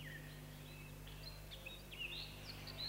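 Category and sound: bird, common redstart song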